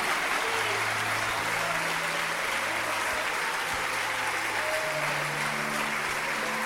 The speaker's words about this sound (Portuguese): Vamos aplaudir mais o Senhor Jesus por cada vida que está chegando.